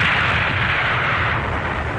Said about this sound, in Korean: 멀리서 대답 소리가 들리는가 싶더니 꽝 하는 보성과 함께 사격 진지가 푸른 연기 속으로 술 취한 사람처럼 주저앉았다.